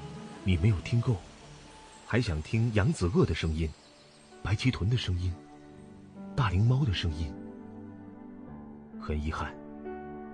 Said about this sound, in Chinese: 这是长臂猿的声音。